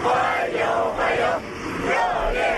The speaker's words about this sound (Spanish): Con decenas de niños con banderas de China y Rusia que han vitoreado a su llegada, a los pies de la escalera del avión le esperaba el ministro chino de Exteriores.